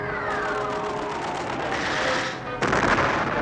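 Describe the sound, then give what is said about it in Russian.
Dense, rapid bursts of anti-tank rifle and machine-gun fire rattle on without pause, with a lower mechanical drone beneath. Near the end the shooting swells into a sharper, louder volley. Anti-tank rifle crews and machine gunners open fire on a defensive line during a battle. “Открыли огонь расчеты противотанковых ружей и пулеметчики.”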